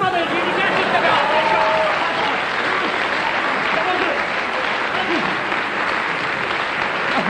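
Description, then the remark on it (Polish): Sustained audience applause, dense and steady throughout, with scattered voices and murmuring mixed into the clapping. “Brawa!”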